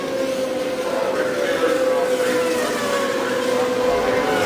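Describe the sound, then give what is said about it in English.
Steady, loud engine drone with a sustained whining pitch that slides slowly downward as race cars head down into the first turn, car number 1 out in front and Rick Mears in front, continuous throughout with no voices. “it's car number 1 that heads down into the first turn, out in front.”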